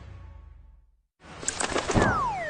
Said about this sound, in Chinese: 呀，小鸟撞玻璃上了。 这是白头杯，也叫白头翁，不仅唱歌好听，还是吃农林害虫的好手呢。